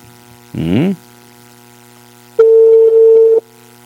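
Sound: telephone ringing tone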